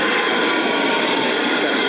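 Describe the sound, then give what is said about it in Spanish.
A military jet roars loudly overhead during an army fair in Granada, Spain, a dense, steady rushing rumble that fills the whole moment without letting up. No one speaks. “Ahí están esos aviones militares boicoteando los micros de raíz.”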